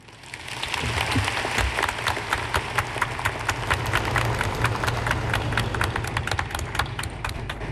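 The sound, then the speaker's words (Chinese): A large crowd at the closing ceremony of the 17th Autonomous Region Games applauds warmly, inviting Yinchuan mayor Tao Shaohua to host the ceremony; dense overlapping clapping holds steady for several seconds with sharp individual claps popping out of the wash; no one speaks over it. “朋友们，让我们用热烈的掌声有请银川市委副书记、市长陶少华同志主持闭幕仪式。”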